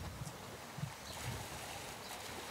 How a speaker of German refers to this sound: Wassermarsch im Auswilderungsbecken.